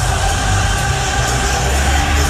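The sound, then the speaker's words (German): A packed crowd at Madison Square Garden, during a Knicks game, cheers wildly as a singer appears on the scoreboard and his song plays. The cheering is a dense, loud, unbroken roar with a steady low rumble underneath that never lets up over a couple of seconds. “Passend dazu wird sein Song … gespielt und alle anderen rasten komplett aus und jubeln ihm zu”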